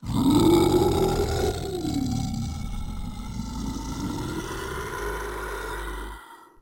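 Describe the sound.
A monster's long, deep growling howl, loud and continuous for about six seconds, its low pitch rising and then sinking in a rumbling, throaty drawl before cutting off.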